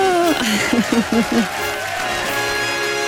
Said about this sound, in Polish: I dla ciebie, drogi Direxie, wielkie brawa!